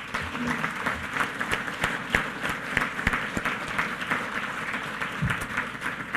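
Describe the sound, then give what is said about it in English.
A crowd applauds steadily, many hands clapping in a dense, continuous patter with a few sharper individual claps standing out, holding at an even level throughout. “Give them a round of applause because they delivered for New Mexico.”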